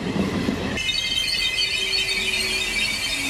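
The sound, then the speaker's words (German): A regional train stops at the station of the small town of Rolandseck, between Bonn and Koblenz in Rhineland-Palatinate, its wheels squealing with a high metallic screech as it brakes, over a steady rumble and clatter of rail cars. “Die Regionalbahn, die hält hier immerhin zweimal die Stunde im Bahnhof des kleinen Ortes Rolandseck.”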